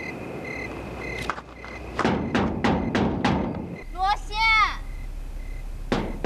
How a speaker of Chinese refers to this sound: 敲什么敲？你还值得回来啊？